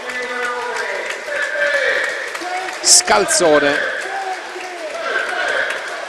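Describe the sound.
A stadium crowd at a football match applauds steadily as player Beppe Genchi is substituted off, a dense wash of clapping and cheering beneath a man's continuous commentary, with a couple of shrill whistles cutting through about halfway.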